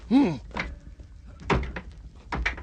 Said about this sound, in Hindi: आओ, तोड़ो इस दरवाजे को, तोड़ो जल्दी इस दरवाजे को।